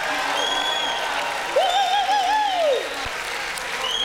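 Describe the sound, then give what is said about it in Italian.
An audience at a stage show in Rome claps steadily for a guest artist in a dense, continuous wash of applause, with a wavering, rising-and-falling whistle or whoop cutting through the middle for about a second. “Fate un grande applauso”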